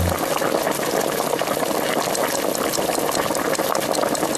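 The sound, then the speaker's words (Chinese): Water pours steadily for several seconds into a stew pot holding fried oxtail bones, onion, carrot, celery and tomato sauce, a continuous loud rushing, splashing wash with a bubbling liquid texture and no talking. “就要放水，等大火烧开之后，我们要用小火煮至2个小时左右。”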